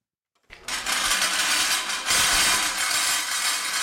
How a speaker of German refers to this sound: Mit lautem Scheppern setzt sich das Kunstwerk in Bewegung. Für seine Schrottplastik Hongkong aus dem Jahr 1963 hat der Schweizer Künstler Jean Tinguely Autoräder, eine Pfanne und eine Bohrspitze mit Keilriemen verbunden und mit kleinen Elektromotoren